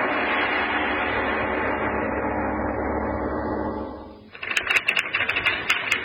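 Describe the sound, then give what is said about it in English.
A sustained droning tone fades out, then a typewriter starts clacking, with quick, irregular key strikes, continuing to the end without any voices. “If I never see another script or typewriter, it'll be too soon.”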